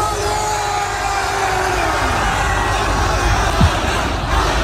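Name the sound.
fans cheering frenetically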